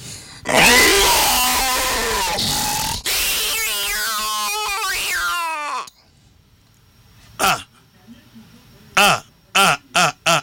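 A lion's loud, drawn-out roaring grunt fills the first few seconds, then after a brief pause comes a series of short, sharp grunts in quick succession.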